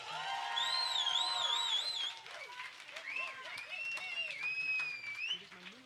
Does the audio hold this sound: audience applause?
yes